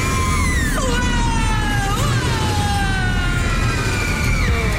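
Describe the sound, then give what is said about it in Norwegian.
Several people scream together on a roller coaster at the Tusenfryd amusement park, in long, wavering high-pitched wails that rise and fall, carried over a loud, steady rumble of rushing noise that lasts the whole time. “Skriker lesegjøra i Berg- og Dalbanen”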